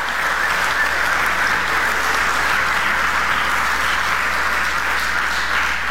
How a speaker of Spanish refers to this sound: Den un aplauso al Rey de la Gloria.